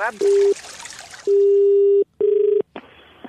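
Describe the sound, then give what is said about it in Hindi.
A telephone line tone sounds in repeated steady beeps of uneven length, like a call ringing through, loud over a hissy, noisy background. “Hello hello, फिर phone कर दिया तूने?”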